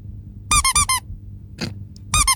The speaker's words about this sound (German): Richtig. Eine Quietscheente. Das gab es noch nie und das wird der Hammer.